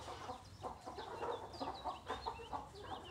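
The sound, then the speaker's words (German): Several Blumenhuhn chickens, kept mainly for eggs and for breeding, cluck and murmur in a steady, overlapping chorus, with short rising calls popping out now and then over a low background rumble. “Wir halten die Blumenhühner vorrangig natürlich für die Eier”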